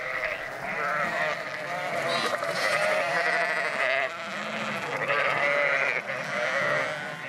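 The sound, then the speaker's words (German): Many sheep bleat continuously in a barn near a dike, overlapping wavering calls forming a dense, steady chorus that swells and dips over several seconds with no speech. “Die Schafe sind schon in der nahegelegenen Scheune.”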